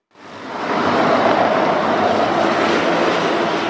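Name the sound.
firefighting helicopter flying overhead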